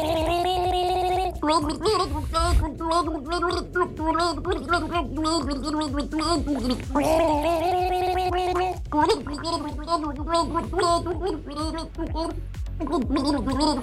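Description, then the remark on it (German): Two people gargle a 1980s rock ballad together as a duet, with a lot of water in their mouths, for the Gurgel Gaga segment on Antenne Düsseldorf; bubbling, warbling voices carry a wavering melody, loud and continuous for the whole stretch with a few brief breaks. “Welches ikonische Lied haben die beiden da gegurgelt?”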